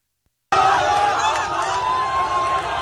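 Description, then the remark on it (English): After a brief silence, a loud crowd erupts into continuous screaming and cheering as people march and a pickup truck carrying bodies drives through the streets, many voices shouting over one another in a dense, steady roar with high, drawn-out yells cutting through. “Everybody's screaming, cheering as they're marching and driving the bodies through the streets.”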